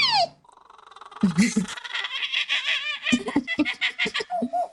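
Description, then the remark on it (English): A 12-year-old boy from Oklahoma imitates a string of bird calls: warbling, trilling whistles and chirps that rise and fall in pitch, with quick fluttering bursts, fairly loud and alone without talk. “imitating bird calls. He can do 115 different types.”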